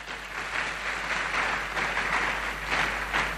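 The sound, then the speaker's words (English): A crowd applauds His Excellency with steady, dense clapping that holds for a few seconds, a continuous hissy patter without any voices on top. “And I think His Excellency deserves a round of applause for that.”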